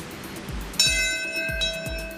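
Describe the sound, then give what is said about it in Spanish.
A single memorial bell at Ground Zero, New York, strikes once and rings out with a long, shimmering metallic tone that slowly decays, over a low, rhythmic rumble of background noise; it marks the exact time the first hijacked plane hit the Twin Towers on 11 September 2001. “Una campana suena en la zona cero a la hora exacta en el que el primer avión secuestrado impactó las Torres Gemelas el 11 de septiembre del 2001.”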